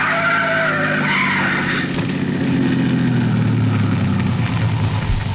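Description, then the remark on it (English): A car's tires screech loudly for a couple of seconds as it skids, squeezing between a trailer and an oncoming truck, then a heavy engine roars and rumbles, its pitch sliding downward as the vehicle noise fills the rest of the moment. “The trailer in front of him. And the oncoming truck. Van Hook's trying to squeeze through.”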